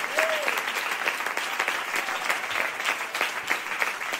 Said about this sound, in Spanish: ¿Cuántos alaban al Cristo de la gloria? Dale fuerte ese aplauso al Cristo de la gloria.